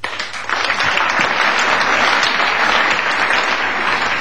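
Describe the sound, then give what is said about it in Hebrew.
A crowd bursts into loud, sustained applause in unison on a count of three, four, many hands clapping together in a dense, steady roar that holds evenly for several seconds without any voices. “חברים, נתחיל במחיאות כפיים כולם כאיש אחד.”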